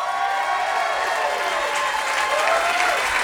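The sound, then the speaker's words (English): Steady, loud applause from an audience at a band's show as the band member who started the band is introduced, a dense wash of clapping hands that holds at an even level throughout, with faint crowd noise underneath. “Give a big round of applause for my man, my friend”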